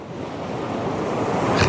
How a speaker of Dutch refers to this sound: Die zit in een kustwachtershuisje in Suffolk. En het valt hem op dat de branding daar anders klinkt dan bij ons.